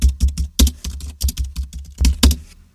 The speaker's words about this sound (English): Apparently, thieves can work out what you're typing from the sound the keyboard makes. Therefore, they can steal passwords. They've got to have really good hearing for that, haven't they? See if you can work out what I'm typing.